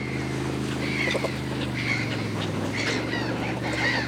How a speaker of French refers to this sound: Tu entends les oiseaux ? Ce sont des mouettes. Les mouettes suivent le bateau de pêcheurs parce qu'elles adorent le poisson.